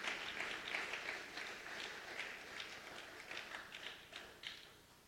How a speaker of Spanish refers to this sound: Dale un fuerte aplauso al Señor, por favor.